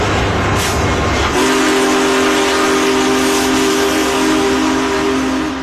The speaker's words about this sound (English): A majestic steam locomotive pulling into St. Louis Union Station. Big Boy was restored to celebrate the 150th anniversary of the Transcontinental Railroad's completion in 2019.